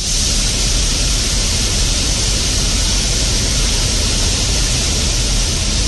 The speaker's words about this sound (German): Ja, nicht wundern, klingt wie ein Wasserfall, weil die Bären nämlich aus dem Wasser den Lachs natürlich fischen.